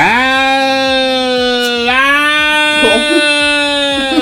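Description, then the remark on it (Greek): A human voice imitates a cat in heat with one long, unbroken, nasal yowl that holds a steady pitch, bends slightly upward midway, and wavers toward the end, loud and alone. “Και κάνω και τη γάτα όταν θέλει να ζευγαρώσει.”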